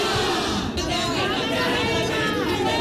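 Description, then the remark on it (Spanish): A large protest crowd of opposing groups shouts in the Puerta del Sol square, many voices overlapping into a steady, loud roar with no pauses and no single voice standing out, as police hold a cordon between them. “Gritos de unos y de otros.”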